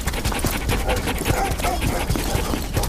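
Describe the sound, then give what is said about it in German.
Fifteen sled dogs, harnessed one after another, pant rapidly and continuously with scattered whimpers and clatter as the team sets off in the dark early morning, pulling sleds each loaded with nearly 300 kilos; a faint voice is occasionally audible underneath. “Die 15 Hunde werden nacheinander eingespannt und mit einem lauten Marsch setzt sich die kleine Gruppe in Bewegung.”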